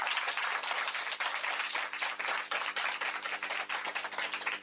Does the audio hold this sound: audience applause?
yes